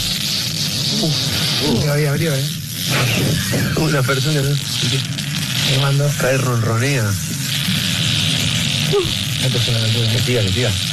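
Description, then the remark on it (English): A single long, continuous raspy fart lasting 40 seconds, beating the Guinness World Record for the longest fart, drones on without a break, a low buzzing rumble with a hissy edge, while people talk and react excitedly over it. “Single fart, and his lasted for 40 seconds.”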